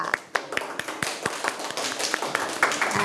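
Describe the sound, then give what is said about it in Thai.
A group of children in a classroom clap for their classmates who gave and presented answers, at the teacher's request. The claps start out loosely spaced, then turn into a dense, fairly loud patter of applause, with faint chatter underneath. “เยี่ยมมากเลยค่ะขอบคุณทั้งผู้ให้ข้อเสนอและก็ผู้นำเสนอค่ะปรบมือให้เพื่อนๆด้วยค่ะ”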